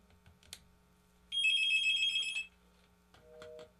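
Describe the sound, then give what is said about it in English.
A telephone rings once for about a second for an incoming call, a bright electronic trill standing out clearly over a quiet background with faint clicks before and after. “All right, we got another phone call.”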